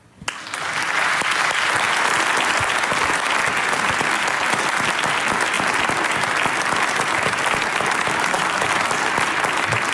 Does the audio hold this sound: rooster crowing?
no